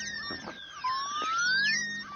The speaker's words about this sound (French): Là, ce sont des dauphins qui communiquent. Et voici ce qu'il se passe quand un sonar résonne au fond de l'eau en même temps.